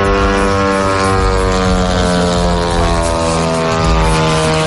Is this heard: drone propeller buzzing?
yes